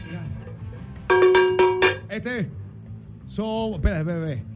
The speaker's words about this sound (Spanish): Ey, eso es para una campana. Pásamela, por favor.